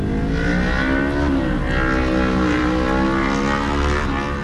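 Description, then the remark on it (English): Steady, fairly loud engine rumble of cars rolling into the parking lot of a Buc-ee's store in Colorado, with idling hums layered and shifting slightly in pitch as vehicles move past. No voices. “And the cars just keep rolling in.”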